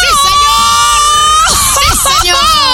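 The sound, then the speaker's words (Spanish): A woman radio host lets out a loud, high-pitched excited scream held for over a second, followed by a burst of lively overlapping voices and smaller squeals. “la del gritito”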